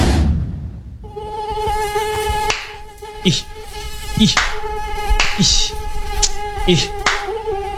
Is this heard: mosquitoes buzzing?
yes